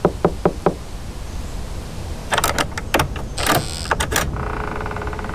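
Four quick, crisp knocks on a door, close by and evenly spaced, followed a moment later by a busy stretch of clattering and rattling, like a latch or lock being worked.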